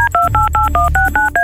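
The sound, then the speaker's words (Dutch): A quick run of about eight touch-tone telephone dialing beeps, each a short dual-pitched tone in a steady rhythm, over a low background hum. “Voilà, we bellen.”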